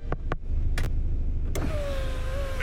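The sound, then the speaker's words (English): A few sharp taps on the driver's window of a truck that has just crashed into a snowbank on a street, distinct over a low idling rumble, followed by the steady whir of the electric window sliding down. “Soon, flashing red and blue lights lit up the street, and I heard someone tapping on my driver's window.”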